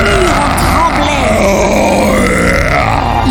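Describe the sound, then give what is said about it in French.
A voice imitates an ogre's angry roar in a terrible rage: a loud, sustained, guttural growl lasting about three seconds, rough and low with a steady, strained intensity and no words. “L'ogre entra dans une colère terrible! Il rugit si fort!”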